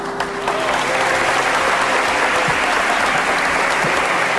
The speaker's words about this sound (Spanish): Y situación para el recuerdo, con Pedro Martínez elevando el trofeo al cielo dentro del centro religioso y levantando también los aplausos entre los allí presentes.